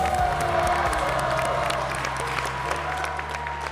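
A crowd applauds a contestant steadily, the dense clapping sustained throughout with some faint cheering mixed in, while a low musical tone hums underneath.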